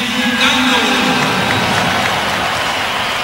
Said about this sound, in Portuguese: Aplaudido, torcida gostou das últimas atuações do lateral.